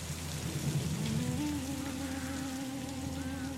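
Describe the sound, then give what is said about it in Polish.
Steady rain pours down on a burning Huron village in the wilds of New France, near the Mission of Saint Ignace, in a dense, even hiss of countless drops, with a faint low tonal drone humming underneath and no voices. “Dym wisi nisko nad ziemią. Deszcz.”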